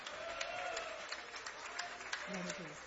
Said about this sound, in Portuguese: Agora que você desocupou as tuas mãos, palmas e glória a Deus. Glória a Deus com palmas.